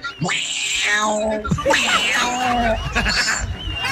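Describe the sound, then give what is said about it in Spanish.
A person imitates cats fighting, letting out long, strained yowls and wavering caterwauls with harsh, rising and falling pitch, loud, filling the whole stretch with barely a pause. “¡Ese gato está peleando, hermano!”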